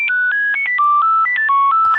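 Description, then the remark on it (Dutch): A Nokia 9000 Communicator ringtone: a quick, beepy electronic melody of about a dozen short pure tones hopping between pitches, loud, with no voices. “Maar die specifieke telefoon had een hele duidelijke ringtone die we nu nog steeds kennen.”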